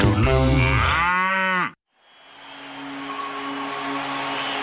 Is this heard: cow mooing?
yes